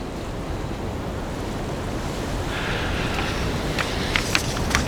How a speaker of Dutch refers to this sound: Ik heb daar dus ook wat scheut oceaan toegevoegd. Dus dat is een vorm van remix, kun je zeggen dan. Dat is niet zoals het op de plaat staat of op de cd staat.